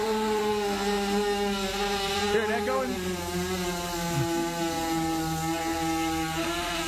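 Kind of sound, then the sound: tool, chainsaw engine running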